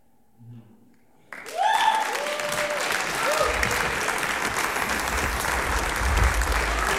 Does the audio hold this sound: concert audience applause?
yes